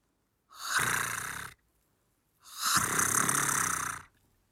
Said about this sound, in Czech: Chrápe.